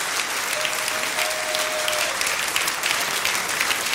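An audience claps steadily throughout, applauding the name of Jesus after a prayer, a dense, sustained wash of many hands applauding together, with no talking over it.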